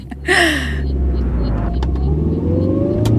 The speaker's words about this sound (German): Ich setze mich ins Auto, fahre über die A57 zum Landeskriminalamt auf dem Parkplatz.